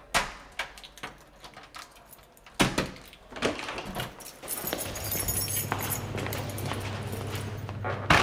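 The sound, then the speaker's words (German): Metallic clicks and a brief rattle of keys, then a louder clunk as the door to a technical room or storage closet is opened, after which a steady low mechanical hum fills the background. “Woher hast du die Schlüssel?”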